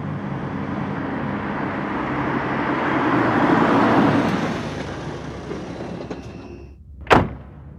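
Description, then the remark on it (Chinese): A car rumbles in, its broad engine and road noise swelling as it draws close, then settling down before a single sharp thud near the end, like a door shutting. No one speaks. “大家听到有汽车驶来”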